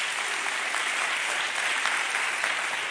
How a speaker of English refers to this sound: Then clap your hands. Clap your hands.